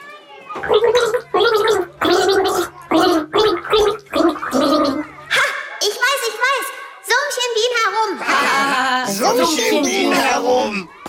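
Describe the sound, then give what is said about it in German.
In a song-guessing game, someone takes a sip of water and gargles while humming the children's tune 'Alle meine Entchen', the bubbling voice rising and falling in short rhythmic notes, then a second stretch of gargled melody continues loudly to the end. “nimm einen Schluck, du bist dran.”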